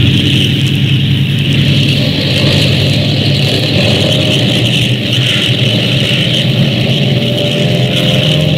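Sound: airplane engines roaring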